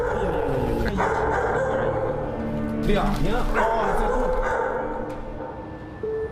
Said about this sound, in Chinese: 我们实际到了这一住户的阳面之后呢，发现一间卧室内的确被改造成了养犬的这种类似于犬舍的形式。 除了犬吠声，房间内没有任何其他回应。